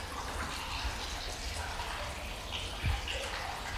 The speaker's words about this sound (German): Am alten Zierwasserbecken sprudelt noch heute das Wasser aus einem Springbrunnen. Der Hahn ist ein Amor, der auf dem Delfin reitet.